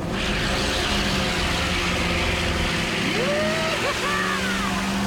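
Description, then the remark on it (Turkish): A loud, steady roar of a car engine and hissing noise as the car burns its tires in a burnout, with the engine note climbing sharply in pitch near the end as it revs hard. “Ortalığı dumana boğarak sağlam bir lastik yakmak istediğini söylüyordun.”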